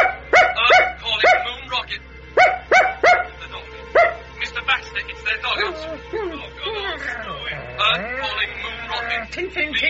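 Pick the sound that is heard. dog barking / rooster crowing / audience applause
dog barking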